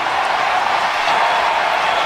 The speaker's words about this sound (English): Listen to this crowd.